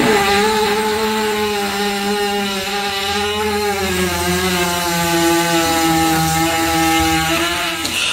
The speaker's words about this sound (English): you missed the horse fart